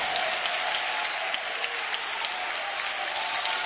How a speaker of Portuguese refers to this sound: Isto, e com muita alegria, vamos aplaudir ao Senhor.